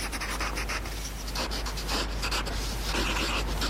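Soft, continuous scratching of a pencil moving across paper, with short strokes and brief pauses in an uneven rhythm, fairly quiet with a faint steady hum underneath and no talking.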